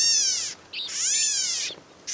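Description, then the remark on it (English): California gnatcatcher calling: harsh, buzzy, kitten-like mewing notes that slide downward, repeated about three times with brief pauses and no other sounds. “California gnatcatchers look and sound much the same.”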